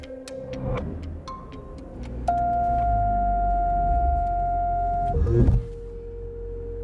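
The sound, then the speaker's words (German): A four-year-old car's engine rumbles low as it reverses out of a garage while a steady electronic warning tone sounds for about three seconds, then a brief clunking jolt as the car makes an emergency stop for an obstacle that is not there, the rumble continuing afterward. “Ja, das erste Hindernis, was keins war, hat das Auto jetzt schon eine Notbremsung eingelegt.”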